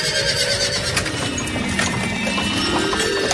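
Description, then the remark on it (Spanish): Hooves of two horses pulling a carriage clip-clop in a steady rhythm, set against a dense, continuous wash of background noise with no talking. “El dios Mercurio, cansadísimo, reposa en una nube hasta que ve venir a la noche en un carro llevado por dos caballos.”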